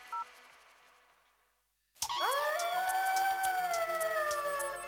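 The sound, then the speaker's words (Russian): After a quiet start with a brief electronic beep, a chorus of wolves breaks into loud, overlapping howls that rise and then hold long, steady wavering notes. “Волки в программе о животных с Иваном Затевахиным.”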